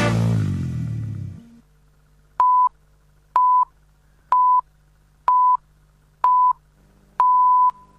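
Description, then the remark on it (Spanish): A time signal on Radio 750 in Argentina before the news: after music fades out, six evenly spaced steady high beeps sound about a second apart, the final pip held noticeably longer than the first five. “Sonó el top y en Radio 750, estas son las noticias.”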